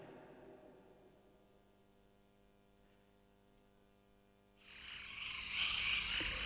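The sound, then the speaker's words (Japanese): After several seconds of low, quiet hum, a dense chorus of night insects chirping suddenly swells in, loud and continuous, a shrill buzzing trill filling the background with no one talking. “あとちょっとすると夜にこんな虫の声を聞くようになるんですかね。”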